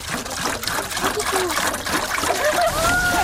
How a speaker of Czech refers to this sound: A teďka by nám to celé zhořelo na popel, což my nechceme, protože si chceme vyrobit ten biouhel, takže to potřebujeme zalít. Tak, doplníme vodu do konve.